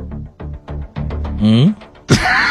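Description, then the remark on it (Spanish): A voice makes a series of short, rhythmic straining grunts, then a longer wavering push, ending with a sudden loud breathy burst. Fairly loud, with no other sounds around it. “Okay, un sonido de empuje, ¿ok?”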